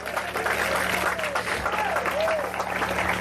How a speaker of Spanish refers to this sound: Yo quiero ver si usted tiene un fuerte aplauso al Señor en esta hora.